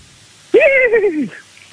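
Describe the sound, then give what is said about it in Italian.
A single drawn-out horse neigh, apparently imitated by a human voice, starting high and sliding downward for under a second, loud, alone with no talking. “Allora facci sentire il cavallo, perché hai scelto il cavallo.”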